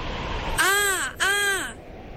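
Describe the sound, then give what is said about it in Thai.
Two loud, harsh crow caws in quick succession, each a raspy, slightly rising-then-falling call separated by a brief gap, over a faint steady background hiss. “เจ้ากาเริ่มบินหากวางเขาพยายามตะโกนสุดเสียงแต่ก็ไม่เจอ”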